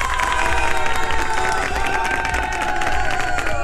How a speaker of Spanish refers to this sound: Un aplauso para esta super oyente de Radio Disney.